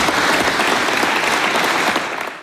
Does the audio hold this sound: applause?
yes